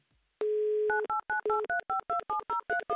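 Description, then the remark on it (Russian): A steady dial tone gives way to a rapid run of about a dozen touch-tone keypad beeps as a phone number is dialed, clear with no voices. “Электронными пальцами вот так вот быстро тык-тык-тык сделали, набрали номер телефона.”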